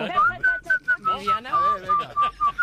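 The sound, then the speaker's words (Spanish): Someone whistles a short, steady tune of clear, sustained notes, fairly loud, while voices talk and laugh underneath. “Se me da mejor silbar.”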